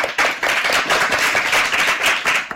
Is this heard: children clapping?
yes